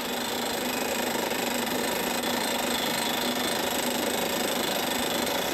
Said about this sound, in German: Die Löcher für die Verpresspfähle bohren die Spezialisten im Trockenbohrverfahren. Dabei wird der Bohrstaub mit Druckluft aus dem Bohrloch geblasen.